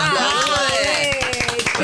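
A group applauds together, many hands clapping in a dense, steady burst close by, with voices talking and cheering over the clapping throughout.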